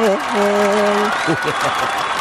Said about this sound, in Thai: ขอเสียงนะครับปรบมือต้อนรับ